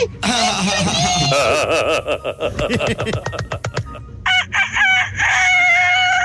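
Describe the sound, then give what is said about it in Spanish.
A person loudly imitates a rooster's crow, a strained, warbling cock-a-doodle-doo, followed by a few shorter, choppy vocal bursts. “Si yo fuera un gallo, yo fuera un gallo kikiriki. ¡Kikiriki!”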